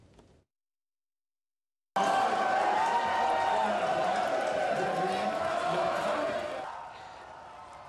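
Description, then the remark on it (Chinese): After a brief silence, a large crowd of Parti Québécois supporters breaks into loud, sustained cheering and shouting for several seconds as results come in from the Quebec provincial election in Canada, then the roar drops to a lower, steady murmur of voices. “开票传出捷报之后呢，魁北克人党阵营就爆发了阵阵的欢呼。”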